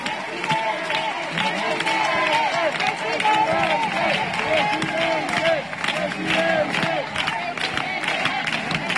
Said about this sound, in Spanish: Un presidente que está siendo recibido también entre aplausos, al grito de presidente, con mucha alegría por parte de una población que hoy se está volcando con la visita real.